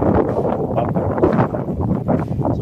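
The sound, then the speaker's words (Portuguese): Strong wind on the coast at Macaé, in the southeast region, buffets a fisherman's phone microphone in a loud, continuous low roar that swells and dips throughout, with no clear speech. “Rapaz, e tá ventando muito aí,”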